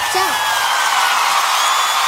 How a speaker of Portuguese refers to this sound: Vamos, galera, palmas.